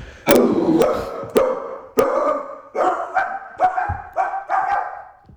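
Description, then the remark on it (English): A man's voice imitates a barking dog: about nine loud barks in a quick, slightly uneven series, some of them doubled up, with no talking around them. “Well, is that a dog or is it a human? I guess we'll never know, but I guess you will know because I'm actually going to tell you.”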